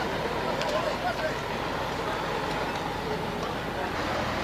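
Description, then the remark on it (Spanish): A steady, broad rumble of heavy road traffic, caravans of trucks rolling past without letup at a bridge on the road to Coroico, north of La Paz, with faint indistinct voices mixed into the din. “Ahí están camiones sangos, ¿no?”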